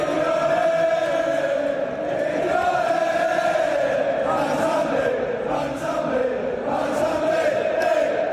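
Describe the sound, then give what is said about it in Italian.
A large crowd of Villans football fans sings a chant in unison for their new player, a loud, sustained wall of voices with a wavering melodic line that rises and falls steadily throughout. “i primi a celebrarlo con un coro tutto per lui sono proprio i suoi nuovi tifosi.”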